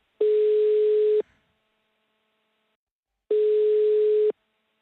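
A telephone ringback tone as Radio Robin calls a listener who sent an SMS: two steady one-second beeps separated by about two seconds of silence, clear and fairly loud, with no voices.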